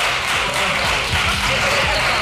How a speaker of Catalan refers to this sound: Aplausos irònicos de la bancada de la izquierda ante el enfado de …, que hablaba de mala educación.